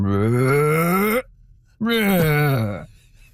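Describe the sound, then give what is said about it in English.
A person imitates humpback whale song with two long, low, groaning hums: the first slowly rises in pitch, and after a short pause the second slides back down. No words are spoken. “I'm not sure I can do it justice to the full humpback whale voice, but it's something like...”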